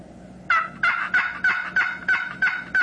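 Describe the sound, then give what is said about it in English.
A wild turkey yelp made on a box call: seven evenly spaced, raspy, high-pitched notes in a steady rhythm, loud, with no talking. “And that's a yelp.”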